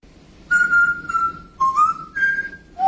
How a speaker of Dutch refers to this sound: Oké, dus we hebben een voorbeeld van een papegaai die Mario zingt.